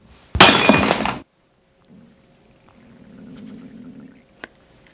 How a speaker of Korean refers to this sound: 하얀 단지가 깨져 사방으로 날아가고 바닥에 뼈가루가 흩어졌다. 잿빛 분진이 떠올랐다.